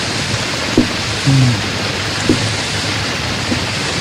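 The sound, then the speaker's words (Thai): Steady, dense rain falls in a constant hiss with no pauses, with a few faint low thuds and short muffled tones briefly surfacing beneath the downpour. “อ๋อมันไม่อยู่นะเนี่ยเป็นหลวงพ่อนี่อยู่กันฝนไม่ได้”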